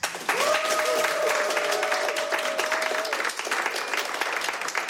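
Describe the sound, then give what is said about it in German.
Steady applause from the Studio 1 audience at Radio 1 after a live music performance, dense clapping that holds at an even level for the full five seconds, with a sustained whistled tone riding over it for a few seconds. “Danke für den Applaus”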